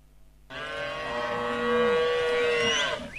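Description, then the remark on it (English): A single long cow moo, loud, holding a steady harmonic drone for about three seconds before breaking off with a brief click at the end. “I want you to guess if this cow is expensive or not. Here's the first sound.”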